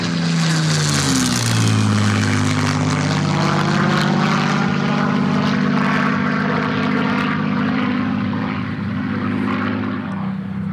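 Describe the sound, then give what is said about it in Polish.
The engine of a 1944 Taylorcraft Auster propeller airplane drones loudly and steadily in flight, its deep buzzing hum shifting pitch slightly early on before settling into a constant roar. No voices are heard. “Ostatni lot, który robiliśmy razem, to był samolot Tyler Craft Auster z 1944 roku.”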